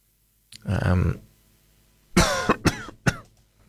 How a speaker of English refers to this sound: I seem to have developed a bit of a cough, so I apologise for that.